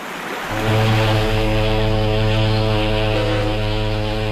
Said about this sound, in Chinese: 远处传来的汽笛声将昏睡了一宿的久保雅子唤醒了。